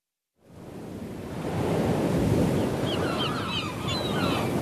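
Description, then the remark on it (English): Gentle waves lap and wash continuously in a shallow bay at the Thimble Island Oyster Farm, a seaweed and shellfish ocean farm on Long Island Sound with buoys bobbing, a steady watery rush with faint high bird chirps drifting in toward the end; no one speaks. “Head on out to Long Island Sound to visit Bren Smith's Thimble Island Oyster Farm, and what you see is next to nothing, a bunch of buoys bobbing around the shallow bay.”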